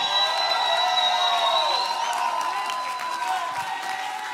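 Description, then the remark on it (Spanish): A church audience shouts and cheers loudly and continuously, many voices overlapping in a dense, sustained roar with rising and falling yells, tapering off only slightly toward the end. “Alguien tiene que gritar como si mañana fuera tu séptimo.”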